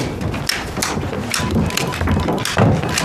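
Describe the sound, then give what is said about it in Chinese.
Abacus beads clatter in quick, irregular bursts of sharp wooden clicks, fairly loud, with no voices over them, as someone works out calculations on the abacus, heard through a door. “隔着门就听见你算盘珠子的声音了，比过年的鞭炮还响呢”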